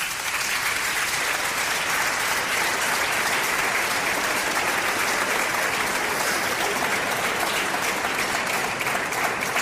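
An audience claps steadily throughout in applause for one of the authors of the society's hymn, a dense, even wash of many hands at a fairly loud level, with no pauses and no voices rising above it.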